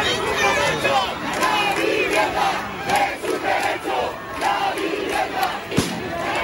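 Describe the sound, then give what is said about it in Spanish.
A large crowd of protesters on the Paseo de la Castellana chants loudly in rhythmic unison, voices rising and falling in repeated bursts over a steady roar, with one sharp crack cutting through near the end, as police fire shots into the air to disperse those blocking traffic. “Al final, parte de los manifestantes se han desplazado hasta el Paseo de la Castellana, donde la policía ha realizado varios disparos al aire para dispersar a los que cortaban el tráfico.”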